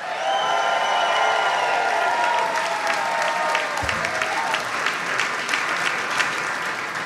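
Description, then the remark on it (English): A large sold-out crowd at the live show Free at Noon applauds a band loudly and steadily, with scattered cheers and whoops rising over the dense clapping throughout. “We've got a sold-out crowd with us today. Again, their new record is …. Please give it up”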